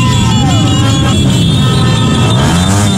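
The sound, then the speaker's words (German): Loud, continuous street noise of car and motorcycle engines rumbling and revving together in a celebratory convoy in Ecuador, with horn-like tones and a dense crowd murmur, like a busy celebratory parade passing by. “Auto- und Motorradkorsos in Ecuador gerade.”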